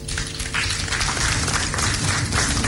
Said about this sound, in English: It requires governments, regulators, financial institutions, fintechs, telcos, development partners, the media, Joy FM, and I think you also deserve a round of applause.